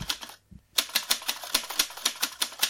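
Crisp typewriter keystrokes clack in a quick, fairly steady rhythm after a brief pause, a dozen or so sharp mechanical taps with no voices.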